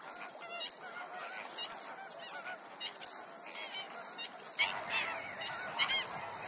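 birds calling

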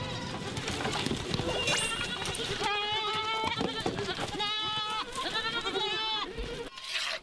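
goats bleating

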